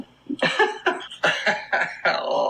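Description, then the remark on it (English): A big Newfoundland dog barks six times in quick, uneven succession, each bark deep and loud, with no one talking. “Our rough patch today, Friendly. Our beloved Newfoundland dog, who starts the show and is on our logo.”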